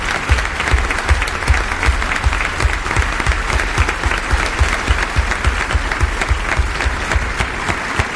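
Sustained audience applause, a dense steady clatter of many hands clapping at an even loudness throughout, with no voices standing out above it, for the cast after a play.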